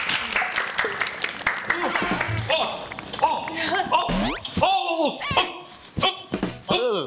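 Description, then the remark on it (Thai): A crowd claps hands in a dense, steady patter as an aerobics teacher is welcomed, joined by excited high-pitched cheers, whoops and laughter that grow louder toward the end. “มาแล้วครับและเพื่อไม่เป็นการเสียเวลานะครับผมขอเชิญครูสอนแอโรบิกได้เลยครับผมขอเสียงตบมือด้วยครับขอเสียงตบมือด้วยครับ”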